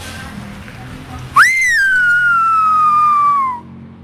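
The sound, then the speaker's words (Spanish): A single loud, piercing whistled attention call in the Canarian whistled language (silbo), made to whoever can hear, rising sharply then holding a long, slowly falling tone for about two seconds before stopping, clear over quiet background. “Entonces, normalmente el silbo eso es esto, ¿no?”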